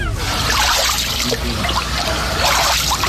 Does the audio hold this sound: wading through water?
yes